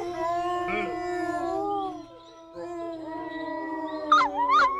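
A wolf howl rises in long, sustained wavering tones, with several howling voices overlapping, then briefly fades before resuming and ending in sharper yipping rises. No one speaks.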